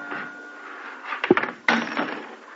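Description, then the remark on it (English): A cash drawer is opened by someone searching for valuables: a quick rattle of clicks, then a sharp catch and a short sliding rumble as it rolls out, with no voices. “What else? The cash drawer.”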